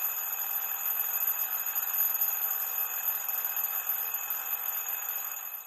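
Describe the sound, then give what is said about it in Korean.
An alarm clock rings steadily and loudly for several seconds as a child wakes up, a continuous metallic jangle with no pauses and no one talking. “시계 소리, 째깍째깍, 따르릉.”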